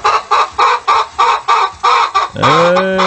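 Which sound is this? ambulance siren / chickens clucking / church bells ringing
chickens clucking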